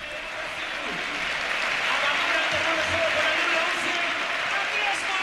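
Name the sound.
stadium crowd ovation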